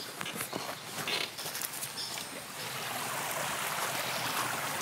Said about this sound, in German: Ich check den Fluss mit einem Stock.